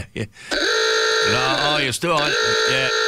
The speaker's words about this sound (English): You didn't annoy the general population with that Claxton horn, did you, this morning? Because somebody gave you the chat to quieten down.